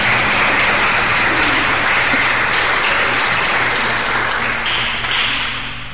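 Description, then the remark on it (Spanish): A large crowd at a church service claps steadily and loudly in applause for Jesus, a dense wash of applause that holds for several seconds before beginning to thin and fade near the end. No one speaks over it. “A su nombre, un aplauso para Jesús.”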